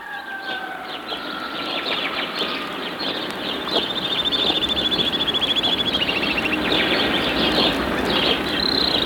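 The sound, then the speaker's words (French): Birds sing and chirp over a steady wash of background chatter, with a rapid trilling series of high notes rising out of the chorus midway, fairly loud and continuous with no voices. “Les oiseaux.”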